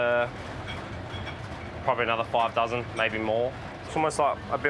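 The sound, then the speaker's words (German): A steady low rumble of a moving train runs continuously underneath, while people talk over it in short bursts in the train's kitchen, where staff prepare breakfast. “Wir dürfen keine Töpfe mit kochendem Wasser offen stehen lassen, weil sich der Zug ständig bewegt.”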